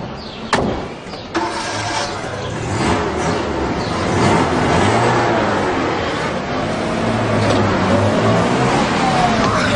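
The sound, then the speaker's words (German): A car engine rumbles throughout, with a couple of sharp knocks near the start, as the vehicle drives past, its noise swelling slightly in the middle and staying loud to the end. “Ja, bleib doch in der Küche, wenn du nicht Auto fahren kannst.”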